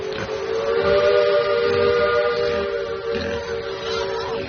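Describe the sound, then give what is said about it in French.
A steamboat's steam whistle blows one long, unbroken, loud blast, its steady hooting tone layered over a rough hiss of steam throughout; the steamboat is sailing from Palma to Barcelona with about a hundred pigs on board. “De Palma à Barcelone, la famille Sanchopin voyage sur un bateau à vapeur à bord duquel se trouvent une centaine de cochons.”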